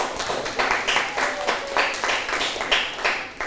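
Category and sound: crowd, classroom applause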